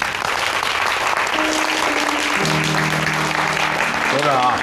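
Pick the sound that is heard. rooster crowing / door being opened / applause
applause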